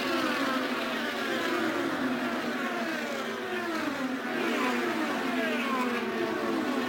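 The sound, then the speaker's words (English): Loud, continuous high-pitched engine roar with overlapping rising and falling tones as three yellow Indy race cars run nose to tail at the entrance to turn three, screaming past at speed one after another, with no talking. “the three yellow cars run nose to tail at the entrance to turn number three”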